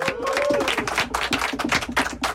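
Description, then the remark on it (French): A crowd on a show set applauds for Octave, dense overlapping hand claps with a brief whistle early on, sustained at a fairly loud level for a couple of seconds. “Mesdames et messieurs, applaudissements pour Octave.”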